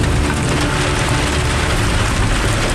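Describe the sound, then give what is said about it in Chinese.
Heavy rain pours down steadily at Mafang, blocking the way into the mountains, a dense, loud hiss that fills the whole clip with no pauses and no voices. “今天这个雨有点太大了，估计这个还打雷，这样的话上山如果往山梁上爬就有点危险了。”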